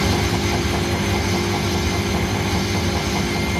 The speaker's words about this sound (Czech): Myšlenka roztočit mokré prádlo a zbavit ho vody odstředivou silou je, představte si, stará více než 150 let. Ale tady je ten zvuk, pojďme se znovu zaposlouchat.